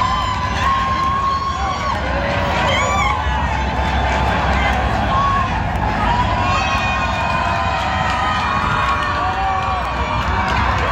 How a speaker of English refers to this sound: Well, Canada is in complete control in Vancouver in FIFA World Cup action. Now, Canada is leading 5-0 against Qatar. Here's another deafening roar from the home crowd outside of the stadium.